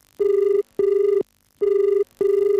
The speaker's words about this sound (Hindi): और चलिए, इस वक्त उठाते हैं कार्यक्रम का ये पहला फोन कॉल।